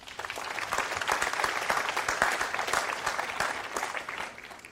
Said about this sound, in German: Applaus.